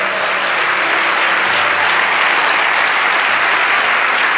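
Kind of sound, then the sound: crowd, audience applauding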